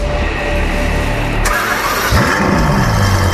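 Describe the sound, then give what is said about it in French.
A red Ferrari sports car engine cranks and catches with a sharp click, then roars up into loud, rising revs that swoop and settle, with no talking. “Son moteur vrombit comme aucun autre. Un cheval noir se cambre à son avant-poste. Ferrari.”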